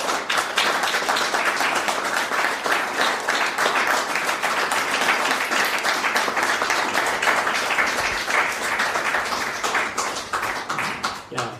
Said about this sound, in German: Danke, Kathi, und herzlichen Applaus nochmal.